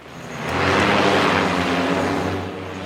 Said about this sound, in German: Ein Bundeswehrgelände auf dem stillgelegten Flughafen Berlin-Tegel. Eine Abfangdrohne steigt auf. Sie soll eine andere Drohne mit einem Netz einfangen.